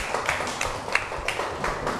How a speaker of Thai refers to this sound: ได้ปรบมือให้เพื่อนอีกครั้งครับ